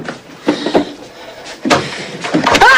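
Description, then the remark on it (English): A cupboard door full of stuffed animals is shut after a stuffed animal is put inside, with a few clattering knocks and bumps, followed by a firmer thud and a short squeaky creak at the end. “He puts the animal into his cupboard, now full of stuffed animals. As he closes the door”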